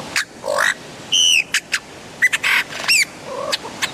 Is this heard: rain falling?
no